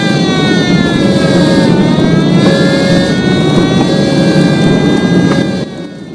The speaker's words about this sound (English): Sickened, the young men cast down their eyes as emergency vehicles race out to the burning plane.